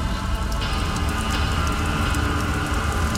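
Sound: rain falling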